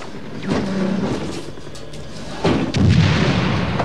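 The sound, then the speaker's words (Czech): Fire from Browning machine guns crackles in short, sharp bursts, with a heavy boom near the start and another about midway, over a constant rumbling din. No one speaks. “Co to je, dva Browningy?”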